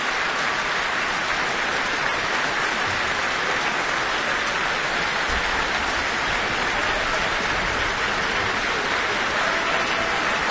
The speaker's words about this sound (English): He has joined hands with the conductor, receiving the applause of not only the audience, but also the orchestra here in the Michael Fowler Centre.